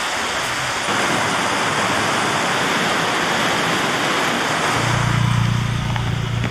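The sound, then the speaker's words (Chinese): A heavy, sudden rain shower pours down in a dense, steady roar, wetting the ground during outdoor work, with a low hum joining in near the end. Nobody speaks. “应该跟赶上突然下雨，我们工作可能要调整一下。”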